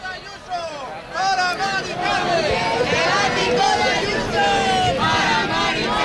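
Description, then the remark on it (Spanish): A large, angry crowd shouting together at the Puerta del Sol in Madrid, Spain, many raised voices overlapping into a loud, sustained roar that swells after a brief quieter start and stays intense throughout. “Les hablo de la Puerta del Sol, les hablo de este grito enfadado.”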